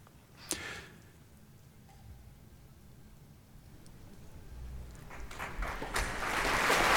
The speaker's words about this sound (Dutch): Het applaus is voor de dirigent Ryan Bancroft.